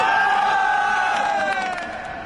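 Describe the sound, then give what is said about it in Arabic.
A large crowd of football fans roars and cheers, celebrating Genk's 6-4 aggregate win and qualification to the round of 16 in Belgium. A loud sustained wall of voices with rising shouts and whoops, easing slightly toward the end. “والآن هيا بنا نتوجه إلى الجماهير ونحتفل بهذا الانتصار.”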